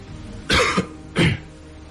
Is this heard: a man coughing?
yes